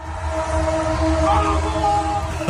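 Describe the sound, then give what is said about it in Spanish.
Train horns in Buenos Aires, Argentina, blare in celebration of a victory, long, sustained overlapping tones, loud and steady throughout, over a low rumbling background with some crowd-like noise. “Es que hasta los trenes participaron del festejo.”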